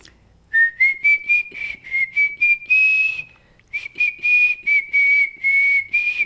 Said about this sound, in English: Give us a little whistle again